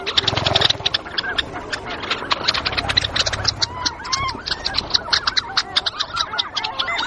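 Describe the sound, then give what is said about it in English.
Pectoral sandpipers give their flight display calls on the wing around Teshekpuk Lake in the Arctic wetlands, mingling with a dense chorus of other birds chattering and calling, continuous and busy throughout. “In the air around the lake, pectoral sandpipers are displaying on the wing.”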